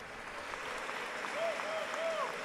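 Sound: audience applause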